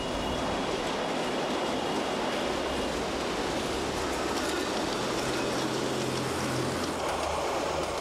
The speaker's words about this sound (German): Immer enger wird das Tal. Der Zug windet sich in weiten Kurven, sogenannten Kehrschleifen, die Hänge hinauf.